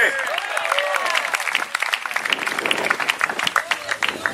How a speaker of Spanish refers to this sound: Dele un aplauso al Cristo de la gloria. ¡A su nombre!